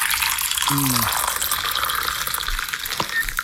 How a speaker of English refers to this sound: Now, was that a clip of someone pouring a coffee or someone not peeing into a toilet? That's a coffee. You want to hear it again? Well, yeah. It's either a coffee or the world's smallest toilet. No, you're right. That was a coffee.